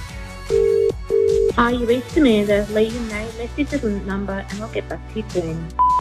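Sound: telephone dialing and ringing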